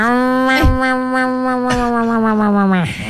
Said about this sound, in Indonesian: Mula-mula dia tolong kucing bela. Bawa bunyi kucing.